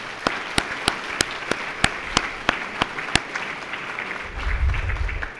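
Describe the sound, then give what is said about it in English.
A round of applause for all those who participated: a busy wash of clapping with a dozen sharp, evenly spaced claps standing out above it. The claps thin out toward the end as a low rumble rises. “But anyway, for all of those that participated, I'd like to ask that we all give them a round of applause, please.”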